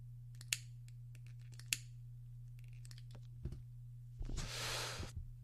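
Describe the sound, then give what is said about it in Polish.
A lighter is flicked twice with sharp clicks, then a short breathy hiss as the cigarette catches. It is quiet over a low steady hum, with no one talking. “A tu CBD przecież mam, a ja papierosa palę. A zapalę sobie jeszcze, co tam.”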